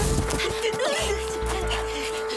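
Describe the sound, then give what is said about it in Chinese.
A swarm of many large, biting mosquitoes drones with a steady, unbroken whine that holds the same pitch throughout, over busy low rumbling and faint voice-like sounds in the background. “这么多大蚊子，一直跑不是办法呀。”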